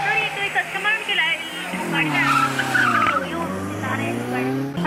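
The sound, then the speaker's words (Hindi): A car out of control: its tires squeal and skid loudly and continuously, with wavering high-pitched screeches over a rumbling engine, while the driver talks on the phone throughout, asking for a mechanic. “हाँ जी madam, please किसी mechanic को बुला देंगे, मेरी गाड़ी आउट ऑफ कंट्रोल हो गई है।”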